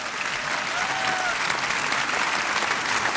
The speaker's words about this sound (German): Jawohl. Applaus an dieser Stelle.